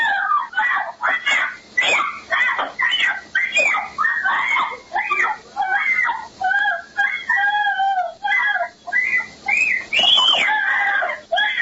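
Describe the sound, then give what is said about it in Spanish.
A young girl in pink trousers with a backpack screams over and over in shrill, frantic bursts, loud, with barely a pause between cries, as a woman, her mother, tries to take her away by force. “Estos son los gritos de la niñita porque la señora se la quería llevar a fuerza, querido Martín.”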